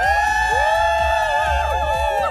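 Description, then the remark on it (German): The front row of a large outdoor crowd before the stage at the Haigern Live festival near Heilbronn, at 5 pm, screams and cheers loudly all at once on a count of three, a dense sustained roar of many voices with whoops rising and falling, filling the whole moment. “Alle bitte einmal laut schreien auf drei, wie SWR 3, ja?”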